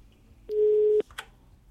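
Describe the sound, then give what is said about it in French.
A single steady telephone busy-tone beep lasting about half a second, fairly loud and clear, followed by a brief click, with no one talking, heard on air during a telephone problem in a live broadcast. “On va essayer de résoudre le problème du téléphone et on revient vers vous juste après.”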